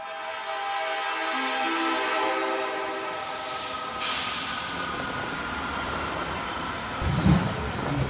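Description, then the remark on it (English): A train on the world's highest railway, travelling to Lhasa, rumbles along steadily with a broad hissing roar and faint tonal hum from the wheels and carriages, heard continuously, with no voices. “The world's highest railway carries us onward, and at last.We reach Lhasa.”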